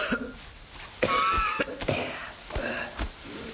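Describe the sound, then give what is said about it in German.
Someone coughs hard and strained in a series of harsh, raspy bursts, with wheezy catches between coughs, as if struggling for breath. “Jemand klopft sich Erde vom Anzug, seinen Hut aus, hustet angestrengt, dass man meinen könnte, gleich macht auch noch das letzte Lungenbläschen dicht.”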